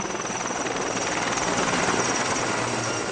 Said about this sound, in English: They have eased slightly, which means helicopters are back in the air, dropping water on the flames.